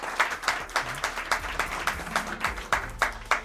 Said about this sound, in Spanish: a quien pido también un aplauso para ellos.